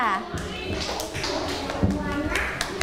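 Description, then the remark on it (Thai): Students in a school class clap for group 2 at the teacher's request, making a steady, dense patter of many hands, with children's voices chattering over the applause throughout. “ไม่พูดแทรกใช่ไหมคะเก่งมากๆเลยค่ะขอเสียงปรบมือให้กับกลุ่มที่2เลยค่ะ”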